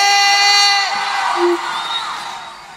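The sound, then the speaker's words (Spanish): A loud live audience in Chile cheers and yells, with high-pitched whoops rising over a dense roar of many voices that gradually fades slightly over a few seconds. “¿Cómo está el público más prendido de todo Chile?”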